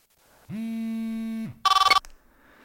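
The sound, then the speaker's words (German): A mobile phone rings: a steady electronic buzz-tone lasting about a second, then a quick, bright trilling burst of rapid pulses, clear with nothing else around it. “Als aber das Handy gleich danach erneut klingelte, wusste ich bereits, was für eine Nachricht ich nun bekommen würde.”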